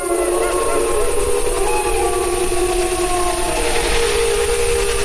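A wolf pack howls together, several long, overlapping wails holding and slowly bending in pitch over a steady rushing hiss, with no one talking.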